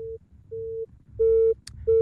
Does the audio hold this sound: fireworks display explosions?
no